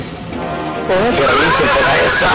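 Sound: horse neighing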